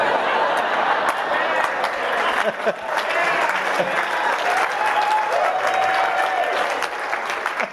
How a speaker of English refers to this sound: I hope you're not clapping. I'm not a Republican, that was kind of a shock.